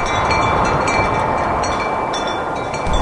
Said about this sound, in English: What is the most beautiful sound? Probably the wind, like, rushing through the trees. I guess, like, the wind is pretty nice. Wind blowing.